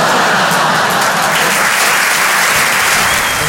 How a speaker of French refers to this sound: Ça va super bien là, je viens d'être papa. Merci, c'est sympa. Et vous êtes sympa d'applaudir ça parce que franchement, à Paris, les gens ils applaudissent plus sur ça.